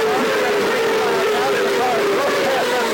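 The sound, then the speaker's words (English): A loud, steady roar of race car engines speeding past the start-finish line on the opening lap of the 2000 Grand Prix of Detroit, with droning engine tones holding throughout and a dense wash of background noise. “We've got the cars coming down.”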